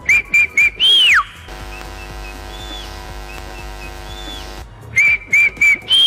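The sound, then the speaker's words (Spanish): A person whistles a signal from where they stand before a race: three short high whistle bursts, then a long rising-then-falling swoop, then a steady tonal hum in between before three more short whistles end it. Loud, no talking. “y el escenario siempre quedaba callado, realmente esperando el pistoletazo para darle inicio a una carrera, y yo silbaba del sitio donde me encontraba.”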